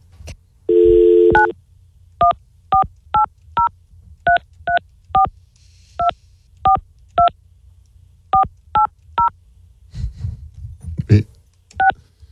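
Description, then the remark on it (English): A short steady tone, then a long run of touch-tone phone keypad beeps as a neighbor's phone number is dialed, about a dozen crisp dual-tone presses at a quick, even pace, clear, with faint rustling near the end. “This is my phone number neighbor.”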